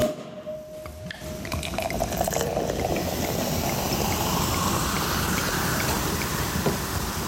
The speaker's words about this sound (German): Es klingt wie ein französischer Champagner, es ist aber keiner. Wir sind nämlich in Südafrika, einem Land mit einer langen und ganz eigenen Weintradition.